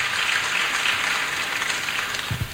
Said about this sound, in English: Great. A round of applause for him too.